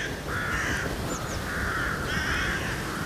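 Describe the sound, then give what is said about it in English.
Hooded crows caw across a city in autumn in a run of harsh, drawn-out calls, several in sequence, against a steady background hum of open air, with no voices. “Now, the cries of the hooded crows echo across the city.”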